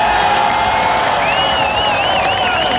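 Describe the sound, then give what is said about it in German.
A crowd of about 25,000 roars and cheers continuously at the first-ever concert in Augsburg's WWK Arena, the stadium where FC Augsburg usually plays, with loud sustained noise and a high whistle or whoop rising and wavering over the din. “Also wo normalerweise der FC Augsburg spielt, haben um die 25.000 Menschen gefeiert.”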